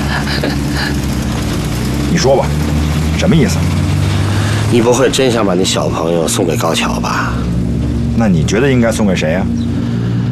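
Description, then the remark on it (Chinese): A motorcycle engine runs steadily with a low, continuous droning rumble throughout, while voices call out loudly over it. “上车去！啊啊！摩托车。”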